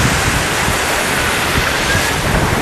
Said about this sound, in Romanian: În schimb, vremea a fost perfectă pentru kiting. E chiar perfect, e ce trebuie. Trebuia vânt un pic mai tare, dar e ok și așa, e bine.